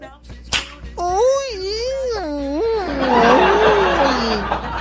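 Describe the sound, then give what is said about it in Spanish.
A sharp whip crack, then a person lets out a long, loud, wavering yell of pain that rises and falls in pitch for several seconds before turning rough and breathy. “Pero tú no tenías que haber gritado.”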